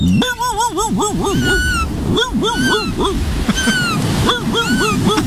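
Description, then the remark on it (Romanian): A voice imitates a seagull, letting out a string of wavering, nasal cries in quick bursts, loud, with short gaps between the calls. “Nu, ce ești? Pescărușul.”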